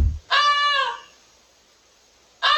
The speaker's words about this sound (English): Goosey. It's a goose. It is a goose.